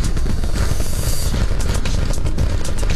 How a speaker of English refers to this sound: All right, a little more than 35 seconds into the flight. 33 out of 33 engines lit on Super Heavy. The windows shaking a bit here.